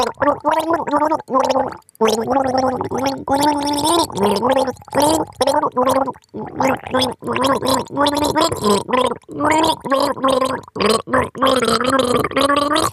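Someone gargles water while standing on her hands and then hopping on one leg, voicing pitched, warbling tones, like a bubbly hummed melody, loud and nearly continuous with a few short breaks for breath.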